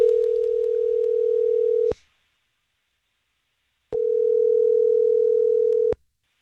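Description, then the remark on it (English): A telephone ringback tone of an outgoing call placed by radio station Star 101.3: two steady, loud purring rings of about two seconds each, separated by a silent pause, with no voices. “We're going to call Erica right now.”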